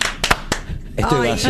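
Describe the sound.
A few sharp hand claps ring out in quick succession, then a man starts talking as the clapping stops.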